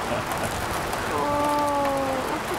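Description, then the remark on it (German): Steady rain hisses throughout at a constant, even level. Partway through, a short voiced tone rises briefly above it and then fades back into the downpour. “Es regnet überhaupt nicht. Genau. Also jetzt gerade schon, aber nach.”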